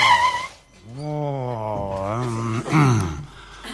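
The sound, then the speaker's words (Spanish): A voice imitates a car braking hard as a driver on the road brakes when stopped by the police, drawing out a loud, wavering squeal like skidding tires for a few seconds, rising and bending in pitch before cutting off. “Lo para la policía, frena el tipo, venía en un pedo, dice, control de alcoholemia.”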